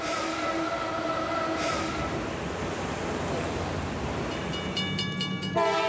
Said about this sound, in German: In den Schleusen ziehen japanische Tidal-Lokomotiven die Riesenschiffe. Oft mehr als 30 täglich. Ausgestattet sind die Loks mit zwei 260 PS starken Motoren und einem Zahnradsystem. Das greift in ein mittleres Gleis und gibt ihnen Halt.